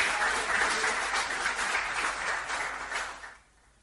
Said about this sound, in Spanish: Me gusta cuando me aplauden. No escuchaba hasta este momento.